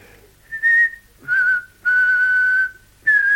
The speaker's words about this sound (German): Also, fang schon an zu pfeifen. Jawohl, Herr. Zu pfeifen, ja.